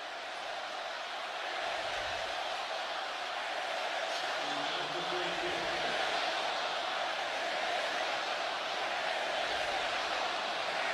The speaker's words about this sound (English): Got the crowd chanting something. We can't quite hear it. I'm trying to decipher what they're chanting. It is something negative towards Chicago.